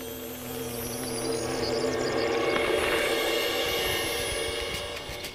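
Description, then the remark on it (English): A wool carder bee that has moved into an old wooden fence buzzes in a steady, droning hum, a low, rich tone that swells slightly in the middle and holds for about five seconds, with no voices. “A wall carder bee has moved in.”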